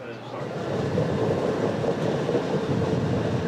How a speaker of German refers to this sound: Wenn man den Zug hier so elegant um die Kurven gleiten sieht, vergisst man schnell, dass der California Zephyr durch ein Gebirge fährt, wo es auch im Mai noch schneien kann.